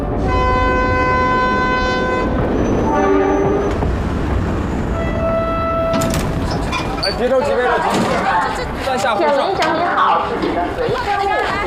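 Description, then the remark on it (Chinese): A passenger train pulls into Haihe railway station, its horn blaring in long sustained tones before giving way to loud rumbling and clattering carriage noise, with voices chattering over the din. “列车到达海河火车站，请您整理好。”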